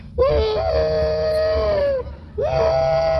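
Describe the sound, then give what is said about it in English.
Motion picture actor Andy Devine mimics a train whistle with his voice in two long, wavering wails, the first about two seconds, the second after a brief gap, sustained and loud with a rising start. “Why, not only that, he's even the train whistle in pictures.”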